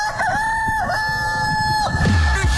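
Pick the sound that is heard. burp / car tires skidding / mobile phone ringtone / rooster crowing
rooster crowing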